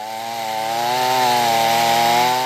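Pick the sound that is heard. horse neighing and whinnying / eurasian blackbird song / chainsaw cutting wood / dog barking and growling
chainsaw cutting wood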